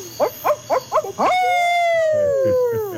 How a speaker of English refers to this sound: And where I live now, there's an added summertime bonus because we have these owls that sound like drunken hillbilly rednecks.